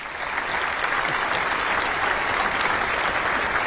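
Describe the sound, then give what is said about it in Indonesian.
Sustained applause from a crowd for all of the day's participants, a steady dense patter of many hands clapping at an even loudness for several seconds, with no voices over it. “Baik, para hadirin, kita beri tepuk tangan untuk seluruh peserta hari ini.”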